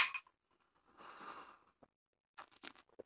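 Glasses of a bourbon cocktail topped with orange zest clink together briefly in a toast, followed by soft scraping and handling noises, a few light taps and rustles. The sounds are quiet, with no talking.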